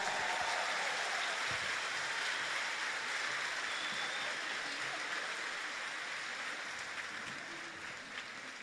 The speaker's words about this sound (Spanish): Ese aplauso para el Señor fuerte. Él es el que nos reúne, nos alegra y nos va a llenar de bendiciones hoy. ¿Amén? ¿Cuántos lo creen? Entonces un aplauso más fuerte para Él.